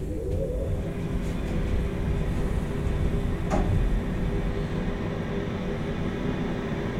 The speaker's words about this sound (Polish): Już wyłączę, bo zaraz będę wysiadał. Winda już się zatrzymała.